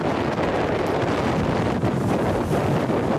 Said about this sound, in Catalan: Isaías, que va tocar terra la matinada d'ahir, de divendres a dissabte, com a huracà de categoria 2 sobre 5 i amb ràfegues de vent de 160 per hora.